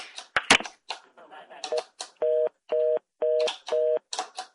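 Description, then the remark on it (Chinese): After a moment of muffled clatter and faint talk, a telephone line tone beeps four times in steady, evenly spaced pulses, fairly loud, as a song-request phone call is accidentally cut off while another call comes in. “歹势吼，咱拄啊，搁有一串电话去，我饲了落落去。歹势，这是我甲你饲啊落落去的。”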